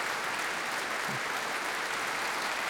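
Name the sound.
concert audience applause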